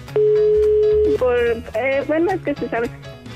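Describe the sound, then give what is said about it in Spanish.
A steady, single-pitched telephone dial tone hums for about a second after the line goes dead, then gives way to lively voices with a sung, music-like quality. “Sí, pero llaman 2 veces que cuelga el teléfono.”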